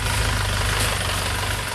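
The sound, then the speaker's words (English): A heavy truck engine idles steadily with a deep, even rumble and a constant low throb that holds at the same level throughout, with no voices. “Trucks get stuck in the mud a lot and have to be pulled out.”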